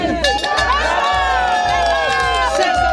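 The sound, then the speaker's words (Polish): A crowd of over 100 winter swimmers shouts and cheers in a dense, continuous roar, with high excited voices and squeals over a steady low rumble of splashing and running feet, as they run into the cold water of Lake Ukiel from the beach in Olsztyn, Poland, opening the winter swimming season. “Na plaży nad jeziorem Ukiel w gotowości do zanurzenia stawiło się ponad 100 osób.”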